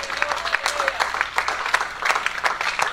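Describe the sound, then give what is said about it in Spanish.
An audience claps as an offering to the Lord, dense, steady applause, many hands overlapping in sharp bright bursts with a faint murmur of voices underneath. “Ofrende palmas al Señor.”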